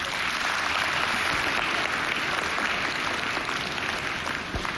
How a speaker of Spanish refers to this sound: Amén, un aplauso para el hermano.